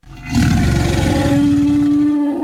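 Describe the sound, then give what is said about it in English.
A loud, sustained dinosaur roar sound effect in an advertisement for a dinosaur-themed family event in Gregory, South Dakota, rumbles for about two seconds, deep and growling with a steady tonal drone, heard alone with no talking. “Dinosaur lovers, if you're looking for some roaring family fun,”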